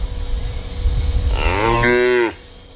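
cow mooing

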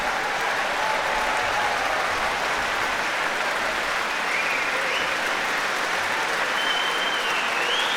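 concert audience applause

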